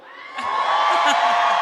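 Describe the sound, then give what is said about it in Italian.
A large audience lets out a loud, sustained cheer, with whoops and yells rising quickly after a brief moment and holding at full volume to the end. “Ok, mentre così è un urlo.”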